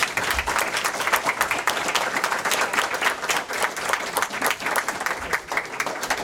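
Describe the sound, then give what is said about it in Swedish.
An audience at a panel discussion applauds steadily, a dense wash of many hands clapping at once that holds at a fairly even loudness throughout, with no voices breaking through. “Ja, en stor applåd!”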